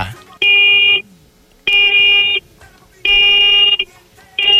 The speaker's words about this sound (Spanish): Va, muñeco, regálame 4 bocinazos medianitos ahora.